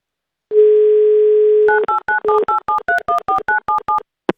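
A steady, low telephone dial tone hums for about a second, then gives way to a quick run of around a dozen evenly spaced, two-pitched keypad dialing beeps, ending with a brief click, as the Avtoradio station dials a listener in Crimea.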